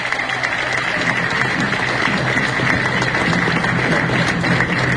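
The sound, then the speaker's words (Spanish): An audience applauds a government field team steadily for the full five seconds, a dense, even wash of many hands clapping at a constant, fairly loud level with no speech over it. “Un aplauso para ese gran equipo y muchas gracias.”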